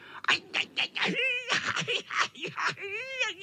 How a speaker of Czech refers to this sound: Pištěl kocour, který dopadl do kopřiv. Představte si, do kopřiv.